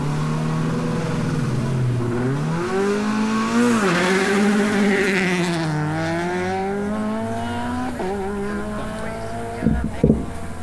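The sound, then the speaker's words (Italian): The engine of Ferretti's Peugeot 208 Rally4 rally car roars, its pitch sweeping up and down with repeated revs and gear changes, ending with a couple of sharp knocks or pops. “Queste intanto le immagini di Primo Canale, siamo appunto alla macchina di Ferretti in Costa, l'ultima Peugeot 208 della Rally 4.”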